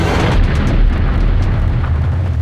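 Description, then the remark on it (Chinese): A dense, continuous roar of battle, with explosions and gunfire blurring into a steady low rumble, broken by occasional sharper bursts, the gunfire growing fainter as the fighting nears its end. No voices. “爹，这枪声听着越来越小，公部的仗快打完了，咱们要是再不去，这功劳啥都没有了。”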